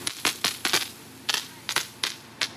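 Irregular, sharp knocking thuds from water pressure pulsing through a fire brigade hose as nozzles are tested, about ten hard bursts, some in quick pairs, over a steady background hiss with no one talking.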